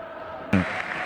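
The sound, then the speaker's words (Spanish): A stadium crowd applauds as River footballer Acuña leaves the pitch, a steady, dense wash of clapping and cheering that suddenly swells louder halfway through and stays loud to the end. “Aplaudido se va Acuña, que baja sensible para River.”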